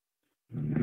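Half a second of silence, then a loud, low, rattling snore begins and holds steady with a rough, growly texture until the end, with no talking.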